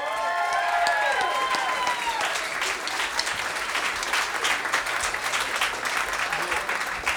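A crowd applauds loudly and steadily throughout. In the first couple of seconds, rising and falling whoops and whistled cheers ring out over the clapping, then the dense applause carries on alone.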